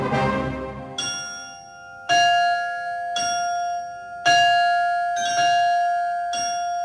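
bells ringing

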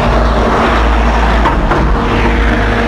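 car driving past

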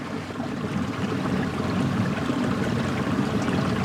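river water flowing

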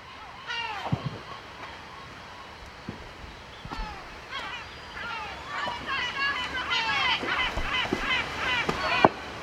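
seagull calling

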